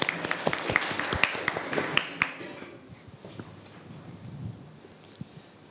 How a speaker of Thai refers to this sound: อ้าวตอนนี้กลุ่มที่2พร้อมหรือยังขอเสียงปรบมือให้กลุ่มที่2ด้วยครับ